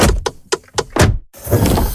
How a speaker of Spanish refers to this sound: Así suena la Volkswagen Caddy e-Hybrid.